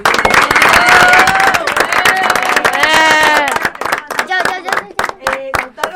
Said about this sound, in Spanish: Por eso le queremos dar un aplauso a todos los maestros y directivos que nos acompañan en nuestra primaria.